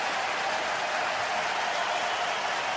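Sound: hockey arena crowd cheering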